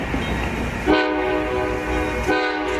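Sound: train horn blowing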